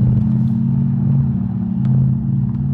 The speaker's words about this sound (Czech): V Křižíkově ulici v pražském Karlíně právě zastavil s autem